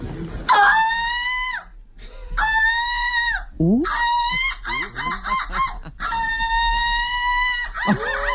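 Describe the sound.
A woman, silver medalist of a seagull-squawk imitation championship, imitates a gull's squawk, giving a run of loud, nasal, drawn-out wailing cries broken up midway by quick, choppy yelping notes, with no other talking.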